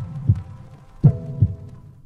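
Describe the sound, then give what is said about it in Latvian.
A heartbeat sounding alone as three deep, muffled thumps, the last two close together like a lub-dub, over a faint low hum. “Dzirdi savu sirdi!”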